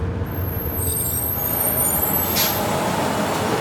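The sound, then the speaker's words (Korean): A large bus rumbles as it brakes to a halt by a farm road leading to a village, a high squeal of brakes trailing off and a sharp hiss of air release near the end, fairly loud. “버스가 멈추자 급히 내린 승범은 마을로 이어지는 농로를 걷는 수정을 향해 뛰었다.”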